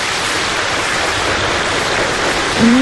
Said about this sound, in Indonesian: kita nak beri tepukan yang gemuruh okay, kepada Kimi Batu Rakit lah.